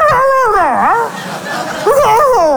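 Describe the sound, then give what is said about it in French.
A person imitates a dog howling, two wavering, sliding howls, the first dipping low and fading before a second rises and warbles, fairly loud with no talk. “Et le chien lui répondait en kabyle.”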